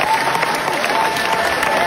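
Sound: theatre audience applause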